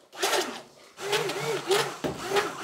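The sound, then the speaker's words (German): A small kitchen mixer whirs through a mixture of sugar, inulin and guar gum in three loud bursts, its buzzing motor tone wavering up and down as it churns, with a raspy grinding edge. “Am besten nehmen wir jetzt mal den kleinen Mixer.”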